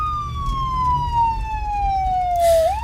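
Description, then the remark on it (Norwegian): A loud emergency siren wails, its tone sliding slowly downward before sweeping back up at the end, with low traffic rumble underneath and no one speaking. “Omtrent 1,5 kilometer senere blir BMW'en stanset av politiet, og ambulansepersonell kommer til stedet.”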